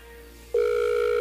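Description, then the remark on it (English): A steady electronic ringback tone from an outgoing phone call to a prize winner, a low hum that jumps into a louder two-tone ring partway through, sustained and clear with no voices. “Ooh, thank God at least it's ringing.”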